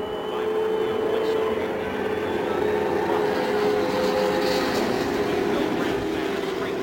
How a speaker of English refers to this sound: Rick Mears' engine failed to fire, but finally it roared into life